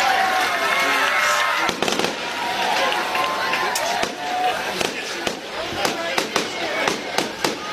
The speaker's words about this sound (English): A fireworks show here on homecoming night.